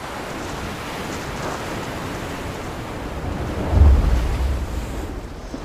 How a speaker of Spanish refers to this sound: Mal clima. Vientos fuertes, olas altas. Ya es peligroso para quienes están afuera.